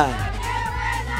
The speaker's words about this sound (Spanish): queremos saber ese grito de las chicas bonitas del coro. ¡Venga, y aquí suena!